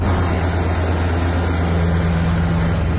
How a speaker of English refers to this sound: Italian military helicopters circle a tanker believed to be part of Russia's so-called Shadow Fleet.